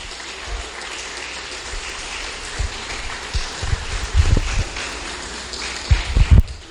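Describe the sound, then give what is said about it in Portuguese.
A church audience applauds loudly for Jesus, a dense, steady wash of many hands clapping that swells toward the end, with occasional low thumps and no voices. “Vamos receber com palmas forte para Jesus, irmão. Palmas bem forte.”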